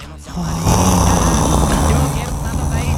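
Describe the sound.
A loud, rough snore drawn out as one long, rattling low breath lasting a few seconds, with a steady buzzing rumble throughout and no talking over it.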